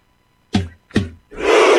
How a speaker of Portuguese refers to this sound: E a torcida grita. Microfone da Gaúcha registrando tudo.